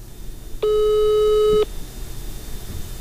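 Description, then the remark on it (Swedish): A single steady telephone tone rings out for about a second as a phone number is dialed. It is a loud, flat electronic beep heard over faint background hiss, with no one speaking. “Jag ringer till det här numret flera gånger.”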